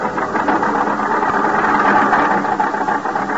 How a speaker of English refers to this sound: The storm is increasing now. The little car lurches and bounces in its fight to keep the center of the highway.